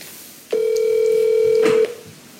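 A telephone line rings once as a call is placed: a single steady, low electronic tone that holds for just over a second and then cuts off, with no voices and only faint background noise.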